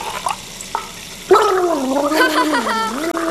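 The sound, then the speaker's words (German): After a brief quiet moment with a couple of soft clicks, someone gargles water, a bubbling, throaty sound with a wavering voiced hum that lasts about two seconds. “Vielleicht reicht ja auch ein bisschen Gurgeln.”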